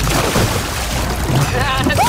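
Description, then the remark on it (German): Muffled water sloshing and churning with a deep rumble throughout as a canoe is rolled over around its own axis and the paddler dives under water. A brief voice-like rising tone sounds near the end. “Also einmal das Kanu um die eigene Achse drehen, dabei unter Wasser tauchen.”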